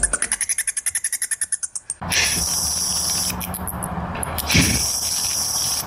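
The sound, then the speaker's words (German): Bat echolocation calls: a fast, regular train of about seventeen sharp chirping pulses for two seconds, followed by a steady rushing hiss with faint fluttering chirps, and no voices. “So hören sie Fledermäuse übrigens an.”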